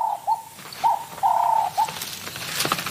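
A game bird about 30 cm tall and over 2 kg, stalked as prey by a serval, calls with a few short, mellow, cooing notes of steady mid pitch, one held longer than the rest, followed by a stretch of rustling noise.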